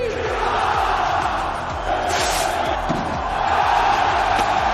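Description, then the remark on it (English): A huge crowd of more than 10,000 revelers in traditional white outfits and red scarves packs the city's consistorial square in Pamplona, chanting "Long live San Fermín" and cheering at the opening of the San Fermín Festival, voices blending into a loud, echoing roar with rhythmic shouting rising over the din. “chants of "Long live San Fermín" echoed across the square”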